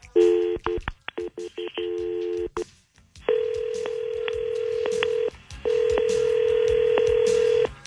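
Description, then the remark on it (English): A quick run of telephone keypad tones, about a dozen short beeps in uneven bursts, as a three-way call is dialed for War of the Roses, followed by a long, steady ringing tone with a brief gap, clear, with no talking. “we're going to see what they sound like when they talk together and do a War of the Roses three-way call”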